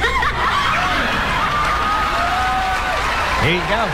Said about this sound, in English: There you go. Listen. And the crowd went wild.